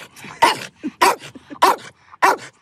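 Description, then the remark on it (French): Tim, an eight-year-old pet dog, barks four times in a steady rhythm, each bark sharp and loud, with softer little yelps and snuffling sounds in the gaps between them. “je vais vous raconter comment Tim, mon chien, mon pote, a changé ma vie. T'es d'accord, Tim?”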